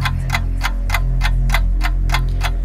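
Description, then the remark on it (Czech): A clock ticks steadily at a brisk, even pace, each crisp tick loud, over a low sustained musical drone, counting down 30 seconds for listeners to send in song requests. “Tak jo, už to tiká, já vidím, že už to i cinká.”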